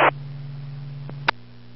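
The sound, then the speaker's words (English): A steady low electrical hum from a salt-related roadside unit near a power line drones on continuously, with a brief burst of static at the start and a couple of short clicks partway through. “That thing with the salt, it's making a heck of a noise. It's humming.”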